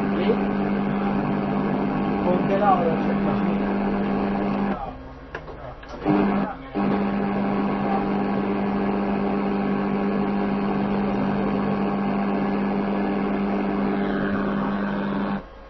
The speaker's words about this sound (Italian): Il frigo sta funzionando? Sì. Cioè è acceso il motore?